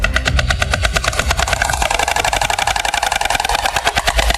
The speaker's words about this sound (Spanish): Es el crotoreo de las cigüeñas, su peculiar canto.